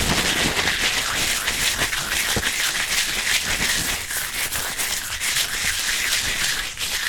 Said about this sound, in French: Très bien, après ce petit état de lieu, on passe donc à la manipulation des papiers à l'aide de ces deux gestes. On commence avec le papier crépon. Si on l'étire, on entend... « Et si on le froisse?